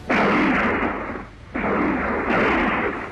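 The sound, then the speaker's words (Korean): Two long, loud bursts of rapid gunfire crackle, separated by a brief lull, with a dense, rattling texture and no voices; the shooting breaks out suddenly to the east. “갑자기 동쪽에서 자지러진 총소리가 터졌다.”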